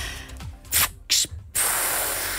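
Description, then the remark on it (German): A bus driver, on WDR 2 radio, imitates his bus lowering with hissing bursts: two short breathy hisses, then a longer steady hiss that holds to the end, loud and without speech. “Ich würde auch noch mal so ein Geräusch machen, wenn sich der Bus abgesenkt hat.”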